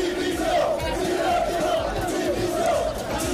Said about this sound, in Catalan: Aquests eren els càntics que s'escoltaven fora de Montilivi un cop acabat el partit.